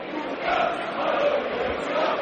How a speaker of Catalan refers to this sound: Sí, sempre, sí. Després dels crits d'independència sempre canten el Virolai.